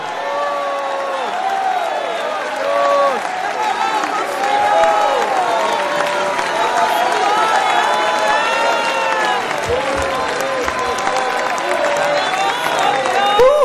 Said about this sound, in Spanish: ¿Cuántos alaban a Dios ahora? Si alguien va para el cielo, grita su alabanza por 30 segundos.